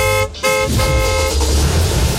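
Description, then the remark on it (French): A car horn honks twice, a short toot followed by a longer, loud blare, with a low engine-like rumble continuing underneath. “À tout moment, si vous entendez ce son.”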